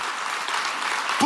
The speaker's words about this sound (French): Dieu, si vous applaudissez, applaudissez vraiment en bon cœur, là.